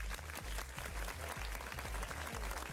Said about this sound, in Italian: Ed è tardi, facciamo un applauso